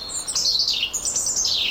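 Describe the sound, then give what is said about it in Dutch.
A European robin sings alone in a garden on a foggy morning, a clear run of high, thin warbling phrases that slide up and down without pause against a faint background hush. “Maar hoe dan ook, op een mistige ochtend hoort hij een roodborst in de tuin.”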